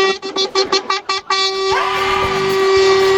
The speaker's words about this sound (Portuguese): Bora mandar seu buzinaço pra gente aí.